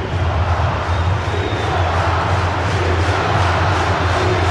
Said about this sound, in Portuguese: E ó, ovacionado pela torcida, claro.